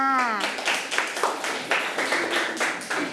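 A group of children claps for a classmate in a steady, even rhythm, about nine sharp claps in unison, right after a brief spoken word at the start.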